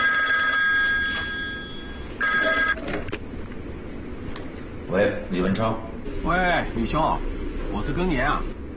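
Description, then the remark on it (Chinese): A telephone rings in bright bursts, a long ring and then a shorter one, before voices start talking over a steady background hum. “时间差不多了，你去给吕站长打电话，看一下他的口风。”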